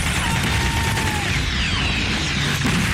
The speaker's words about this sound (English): It's pretty realistic. It's almost claustrophobic. These narrow streets, the barricades, gunfire and smoke. They're shooting RPGs.